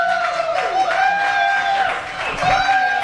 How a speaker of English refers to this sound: We got a crowd pouring in here